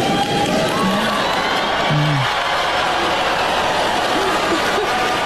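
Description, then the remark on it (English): A large audience at a speech boos loudly and continuously after a line calling the rise of artificial intelligence the next industrial revolution, a dense wash of voices with low drawn-out groans rising above the crowd noise throughout. “That was not an applause line, and that was a surprise boo line.”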